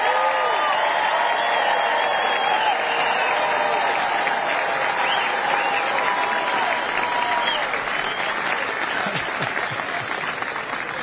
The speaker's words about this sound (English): And let's give a huge round of applause for the Texas Army National Guard soldiers who answered that call, stood the line on the southern border.